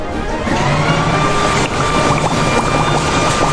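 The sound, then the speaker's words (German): A steady, loud motor roar with a constant whine runs throughout, mixed with a broad rushing hiss of air and water spray as a garden hose is held in front of a leaf blower, blowing the water. No one speaks. “Jetzt hält er den Gartenschlauch vor den Laubbläser.”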